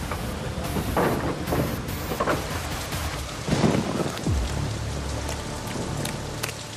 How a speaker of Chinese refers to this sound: 这疾风狂雨，我怎么能不来呀？ 先生，这雨下得太急了。